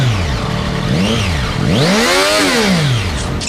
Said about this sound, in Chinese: 我们看他那个排气改过没有，听下声音。